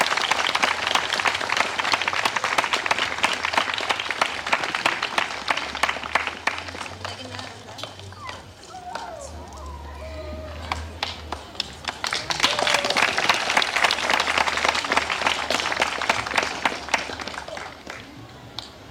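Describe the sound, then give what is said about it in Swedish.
An audience applauds warmly for a prize recipient at an award presentation, with dense, steady clapping that eases off briefly in the middle, where faint voices and low murmur come through, then swells again before fading at the end. “Så en varm applåd och tack för ditt engagemang.”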